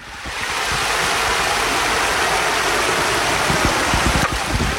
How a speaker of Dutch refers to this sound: Ik gooi er een steen in, maar echt veel gebeurt er niet mee. Die hele rustige Maas hier zo bij Maastricht. Ja, normaal de rivier is hier echt toch op heel breed stuk. Maar nu is het niet meer misschien dan 10 meter.